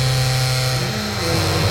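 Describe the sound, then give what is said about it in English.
A door creaks shut slowly on a hydraulic closer, giving a steady, drawn-out groaning squeak with a droning, engine-like hum. It is fairly loud, sustained throughout, with no talking. “as it closed, it had one of those like hydraulic things that slowed the door down”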